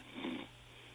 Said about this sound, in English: I think I heard a snore in there.